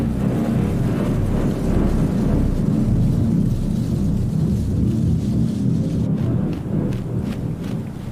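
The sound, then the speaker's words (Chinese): A thunderstorm fills the scene: deep, continuous thunder rumbles loudly throughout, with steady rain hissing over it and a few sharper crackles toward the end. No voices are heard. “欧戈冬妈妈加紧捕捉昆虫，她也在为暴风雨做准备。”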